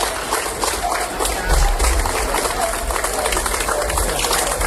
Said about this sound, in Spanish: El operativo de bomberos de la Diputación de Málaga ha sido recibido así, entre aplausos, en su escala en Colombia, antes de poner rumbo a Venezuela.